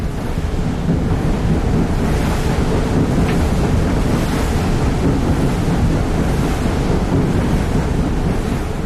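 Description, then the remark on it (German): Strong, gusty foehn wind roars steadily over a choppy lake, whipping the waves to white foam that churns and splashes in a continuous, unbroken wash of noise; no voices are heard. “Der Föhn blies, schäumte den See auf und die tiefliegenden Möwen schienen sich auf den weißen Wellen zu wiegen.”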